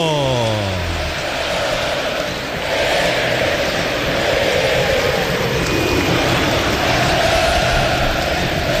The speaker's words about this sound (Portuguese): Tá rolando o jogo no aniversariante Morumbi! Clássico Sansão para a torcida que conduz fazer barulho. Ouça a torcida tricolor!